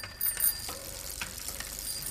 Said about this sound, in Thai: โอ้โหกลัวไม่รู้ว่ามีกระดิ่งกริ้งจักรยานหรือไงกดจังเลย